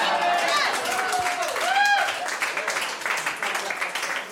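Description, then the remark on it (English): An audience bursts into steady applause for the name of a business called Tom Raper RVs, a dense crackle of many hands clapping, with a few voices whooping and cheering over it early on before the clapping carries on alone. “I just want to point out, you guys all applauded for Tom Raper RVs.”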